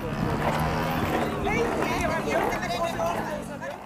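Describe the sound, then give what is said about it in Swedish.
A motorcycle engine drones steadily outside in the background at the Sjödagarna event, a continuous low rumble that swells and fades slightly, with a murmur of crowd voices mixed in. “Det hör ni hör i bakgrunden är inte mopparna, utan det är någon motorcykel utanför.”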